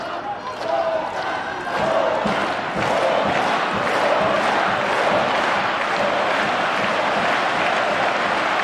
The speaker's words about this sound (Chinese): 我们也听到了在菲利普夏迪埃球场观众们给郑钦文的加油声。